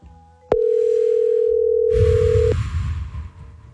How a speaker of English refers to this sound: Come on, answer your phone.